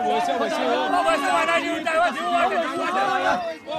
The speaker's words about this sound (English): Be patient, chants a man amid the excited crowd as the year-long wait is finally about to end, before they jump into the waters to try their luck.